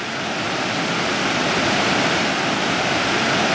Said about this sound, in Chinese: 现在我们就来到了这个德天瀑布的，基本上到了最顶端了，上来已经有三四叠了，这整个瀑布大概是个四叠到五叠的。